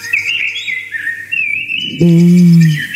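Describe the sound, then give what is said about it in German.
Blackbirds sing in Bavaria, Germany, in clear, fluting whistled phrases that flow continuously, then a loud, deep sustained tone cuts in under the birdsong for the final second. “Wie die singen, die Amseln im Freistaat.”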